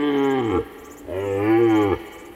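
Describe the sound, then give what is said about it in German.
Two deep, drawn-out lows from an aurochs or wisent (European bison), grazing, the second longer than the first, loud with nothing else audible. “Auerochsen und Wisente, die europäischen Bisons, grasen hier.”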